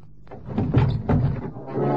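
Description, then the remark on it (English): A heavy truck door is wrenched open in two forceful, scraping pulls with dull metallic thunks, then a steady low rumble carries on underneath. “Warrant officer from Deventer, at the risk of his life, wrenched open the door of the truck to reveal Peralta lying across the seats.”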